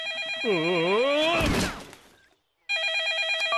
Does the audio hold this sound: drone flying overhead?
no